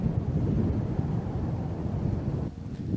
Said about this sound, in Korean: 마침 바람소리가 저를 부르는데요.